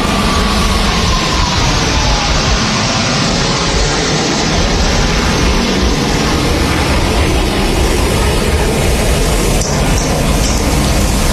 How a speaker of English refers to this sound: And I'll stop yammering here for a moment as we watch those planes fly by. It's pretty amazing just how low they are to the water. You can hear the crowds cheering as well.